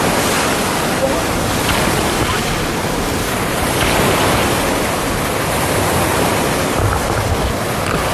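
Loud, steady roar of heavy surf, waves over one meter high, churning in a bay northwest of Kunyu Mountain, mixed with a force-7 northwest wind buffeting the microphone, a dense continuous rush with no pauses.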